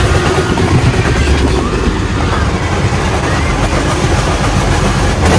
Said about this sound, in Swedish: Det man hör är alltså bussen som drar upp. Alltså man hör hur bussen drar upp hela mitträcket. Det är så mitträcket med vajrar, så den drar med sig hela mitträcket.